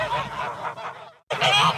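Several geese honk loudly, a dense chattering flock calling over one another, breaking off briefly before another burst of harsh honking.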